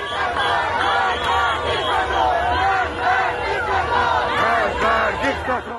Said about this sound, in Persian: انبوه جمعیت در گلسار، فلکه گاز و به ویژه خیابان‌های منتهی به پیاده‌راه شهرداری رشت دستگاه سرکوب را در بهت فرو برد. جمعیتی که برای سرنگونی حکومت همصدا شده بودند، با دست‌های خالی اما گلوهای سرشار از فریاد.